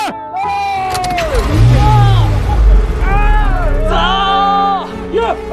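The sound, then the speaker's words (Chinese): A car stuck in a mud pit roars and strains as it pulls out and sets off again, its low engine rumble swelling in the middle, while several people shout and whoop loudly over it throughout. “陷在泥潭中的汽车终于重新出发，继续奔向前方。”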